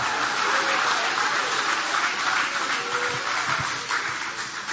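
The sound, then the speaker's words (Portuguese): A church audience claps together to glorify God after a Bible reading, a dense, steady wash of applause that holds at a fairly even level for several seconds, with no voices standing out. “Pode aplaudir, pode glorificar o nome dEle.”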